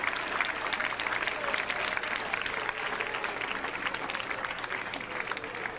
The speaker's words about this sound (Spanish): Dele palmas al Rey con todo su corazón. Dele palmas porque vive. Aleluya.